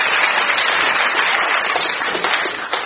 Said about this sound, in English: Some applause, please.